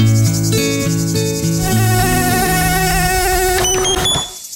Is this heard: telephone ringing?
no